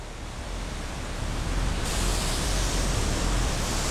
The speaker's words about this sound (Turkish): Şu anda şelalenin altına doğru tırmanıyorum. Şelaleden inanılmaz derecede su püskürüyor.